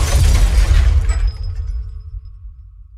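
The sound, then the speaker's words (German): A loud crash of a bus, with 18-year-old Frida Kahlo aboard, slamming into a tram: a burst of crunching, shattering noise with deep rumble, then metallic ringing tones and debris settling as it fades over a couple of seconds. “Sie saß in einem Bus, der mit einer Straßenbahn zusammenkrachte.”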